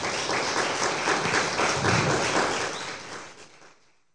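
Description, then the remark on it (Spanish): A crowd claps steadily in a dense, sustained burst of applause that holds strong for about three seconds, then thins and fades out, with no voices over it. “Un fuerte aplauso.”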